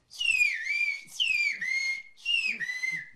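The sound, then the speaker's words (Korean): Names whistled in a whistle language: three loud whistled phrases in a row, each a sliding, pitch-bending whistle that swoops downward, like whistled speech, with short pauses between them and no talking. “휘파람 언어로 우리 이름을 다시 한번 부탁드렸습니다.”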